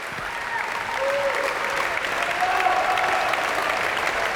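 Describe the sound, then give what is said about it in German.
Sustained, dense applause from a large audience in the Stiftskirche Melk after the festival closing concert of the Internationale Barocktage Stift Melk, steady and loud throughout with a few faint tonal whistles or cheers rising above the clapping. “Das Publikum hier in der Stiftskirche Melk ist begeistert, ja, und wie Sie hören, spendet es großen Beifall für all die Mitwirkenden dieses Festival-Abschlusskonzertes.”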